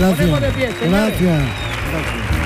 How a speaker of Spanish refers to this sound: Por esto y por este ratito le vamos a dar esta ovación atronadora al … y a …. ¡Qué maravilla! ¡Qué maravilla!